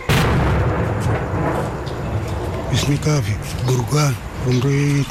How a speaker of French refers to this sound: Quand on entend les bombardements et les tirs des canons, on se met sous les lits pour se protéger. C'est très effrayant. Il est impossible de dormir.